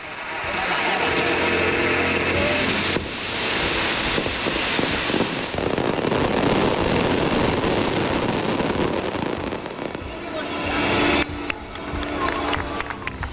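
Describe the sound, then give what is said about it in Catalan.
Loud, continuous crackling and booming of the imperial palm fireworks display that closes the Nit de l'Alba in Elche, dense and sustained, with the basilica's church bells ringing steadily underneath, the Gloria Patri of the Misteri, and a crowd murmuring throughout. “És la palmera imperial que posa fi a la nit de l'alba, toquen les campanes de la basílica, se sent el Gloria Patri, la peça apoteòsica del misteri, i es tanca d'esta manera la nit més màgica de l'any a este municipi del Baix Vinalopó.”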